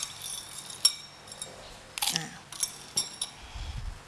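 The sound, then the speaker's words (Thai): Ice cubes clink and rattle as they drop into a blender jar to chill a healthy blended fruit drink, several sharp hard knocks spread over a few seconds, with a low rumble near the end. “แล้วก็อาจจะใช้น้ำแข็งลงไปช่วยนิดนึงเพื่อให้เกิดความเย็นนะคะ”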